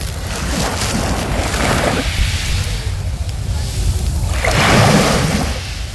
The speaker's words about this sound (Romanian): Relaxează trupul și mintea, sunetul valurilor schimbă frecvența creierului nostru și ne asigură o liniște completă. Și atunci, pentru cei care nu au ajuns încă la mare, așa ca mine, și nu știu dacă vor ajunge, avem la pachet valurile mării.